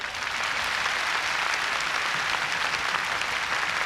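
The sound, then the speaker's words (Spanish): An audience claps steadily in sustained applause, giving the Lord a hand of praise, a dense, even wash of many hands at moderate loudness with no speech over it. “Give the Lord a hand of praise. Un aplauso al Señor.”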